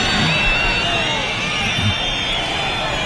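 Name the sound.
crowd booing a minister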